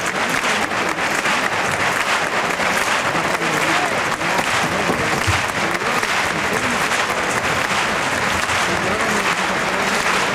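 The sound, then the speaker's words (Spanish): A large bullring crowd gives a sustained ovation for the Juan Pedro bull, dense clapping filling the whole stretch at a steady, loud level with a murmur of voices mixed in and no break, as matador David de Miranda collects two trophies for a lap of the ring. “Al toro de Juan Pedro, ha habido una ovación para el toro y sale a recoger los dos trofeos David de Miranda para dar la vuelta al ruedo con las palmas choqueras.”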